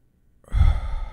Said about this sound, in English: Then there's controlled breathing. Box breathing. Inhale through your nose.